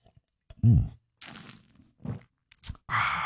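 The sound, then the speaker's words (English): Several noisy slurps of a morning drink in short bursts, the last one longer and hissy, with a brief throaty vocal grunt near the start and a low breathy sound between sips. “It is the morning slurp.”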